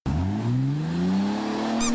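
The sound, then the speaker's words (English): A car engine revs steadily upward in pitch, then a brief, sharp, high-pitched tire squeal cuts in at the very end. No voices. Part of an ad for the Drive Into Fall America's Sales Event at Brown Dobb Dodge Chrysler Jeep Ram in Bath. “Around here, when you hear the squeak, you know you found the best deal.”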